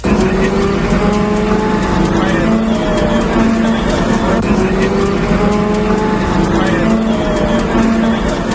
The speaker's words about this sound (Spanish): Este es el sonido del interior del autobús que traslada a los 59 efectivos de la UME a la zona cero de la tragedia.